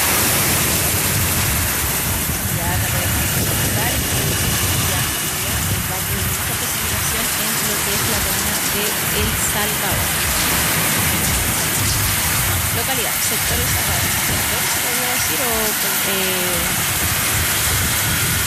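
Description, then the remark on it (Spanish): Heavy rain in El Salvador, filmed in a viewer's video, pours down in a loud, unbroken roar of hiss and patter that holds steady throughout, with faint muffled voices occasionally surfacing beneath the downpour. “Sí, se ve bastante agua, por lo menos lo que es en El Salvador.”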